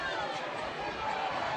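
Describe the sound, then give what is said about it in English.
A baseball crowd groans as batter Trevor Austin is hit by a pitch with two out in the ninth inning, a dense, steady wash of many blended voices, a low collective murmur that holds at an even, moderately loud level for under two seconds. “The crowd groans.”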